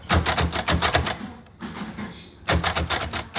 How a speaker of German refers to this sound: Wie sie die Geschichte der Brailleschrift lernen und die Arbeit mit dem Brailler, der zugehörigen Schreibmaschine.